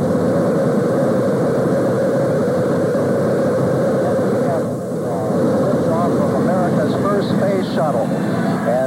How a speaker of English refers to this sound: Well, in the spring of 1981, a new era of spaceflight had begun when Space Shuttle Columbia soared into orbit on April the 12th.